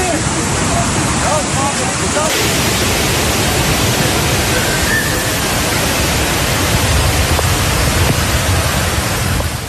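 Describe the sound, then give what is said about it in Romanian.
Loud, steady roar of rushing floodwater surging through the streets of Istanbul after torrential rains, a dense churning wash that never lets up, with faint voices buried beneath it. “Istanbulul e lovit de inundații masive după ploile torențiale din ultimele zile”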